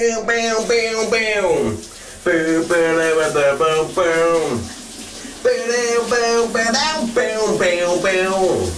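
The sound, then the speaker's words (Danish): A man sings a big summer hit loudly in the shower on a Thursday morning, wordless and melodic in bursts, while a steady hiss of running shower water fills the background throughout. “Du får dagens brusebadshit.”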